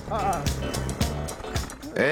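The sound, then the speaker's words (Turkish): A small Velosolex moped engine buzzes and rattles as it pulls away, with a choppy, pulsing rhythm like a hammer drill, while voices talk over it. “Mavi duman ata ata gitti. Sesi motosikletten çok darbeli matkaba benziyor ama ilk Volesolex'imiz kesinlikle çalışıyor.”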